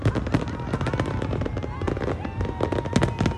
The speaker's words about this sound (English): has been coming to fireworks like these since she was a kid